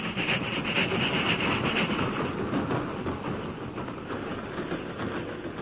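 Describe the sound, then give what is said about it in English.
A train rumbles steadily along the track as the engine reaches the crest of Jackknife Hill and continues westward, its broad, continuous roar and rattling wheels filling the whole stretch, with no voices present. “The engine reached the crest of Jackknife Hill and continued westward without incident.”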